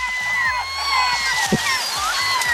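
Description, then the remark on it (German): Several gull calls overlap in a steady chorus of wavering, high cries, with a low rumbling hum like a boat engine underneath and no talking. “die Möwen waren halt wirklich im Dorf.”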